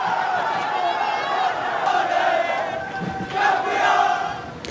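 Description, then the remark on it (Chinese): A large crowd cheers, shouts and hugs in celebration of winning a championship, a dense, continuous roar of many voices that holds steady and swells louder near the end. “欢呼拥抱，他们用各自的方式尽情释放着夺冠的喜悦。”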